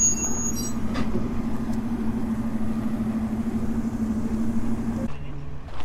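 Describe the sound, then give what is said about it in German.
An old Unimog truck carrying wood drives around among a display of old railway vehicles, its diesel engine droning steadily with a low, rumbling hum and some rattling noise, then the sound drops away abruptly near the end. “Da fährt so ein Hanomag mit Holz rum.”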